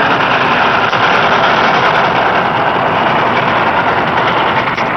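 A loud, steady roar of a steam train passing near a village in a scene from the film Pather Panchali, a dense continuous rumble and clatter that holds at an even level throughout, with no voices.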